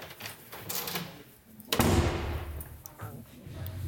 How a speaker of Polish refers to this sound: Otwieram drzwi.